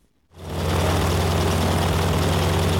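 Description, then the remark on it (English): A propeller plane engine roars to life after a brief silence, then holds a loud, steady, continuous drone with a deep low hum and a broad rushing noise, as the plane carries a wing walker strapped to its top wing. “Now, a wing walk is the experience, I'm sure we've all done it, of riding strapped to the top wing of an airborne plane.”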